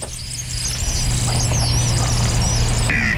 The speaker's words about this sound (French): C'est comme un sifflement très aigu. Vous allez voir ce qu'il fait. Quand vous l'entendez, on ne peut pas trop le manquer, en fait, le martin pêcheur. Vous voyez, c'est ça. On entend à peine, c'est un sifflement, vous voyez.